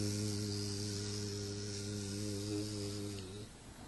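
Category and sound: insect, bees buzzing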